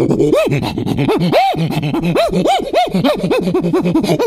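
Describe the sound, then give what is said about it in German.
A voice imitates an agitated prosimian with a rapid series of loud, rising-and-falling squeaky chirps, about a dozen sharp arched calls in quick, uneven succession, with no speech. “Ja, und jetzt regt der Halbaffe sich auf, weil vor ihm ganz viele Hunde laufen und die mag er gar nicht.”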